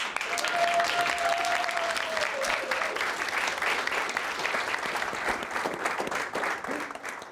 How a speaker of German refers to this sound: Einen großen Applaus!